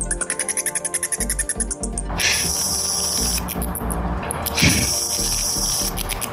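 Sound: bat calls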